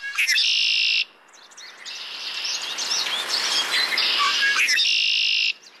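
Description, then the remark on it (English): Red-winged blackbirds call loudly, harsh buzzy trills opening and closing the stretch, with a busy chorus of chirps and whistles from more birds filling the middle. No one speaks. “You know, when I hear the red-winged blackbirds, you know, they're whistling, and I think they're whistling to say, get off your duff and go fight against climate change, partner.”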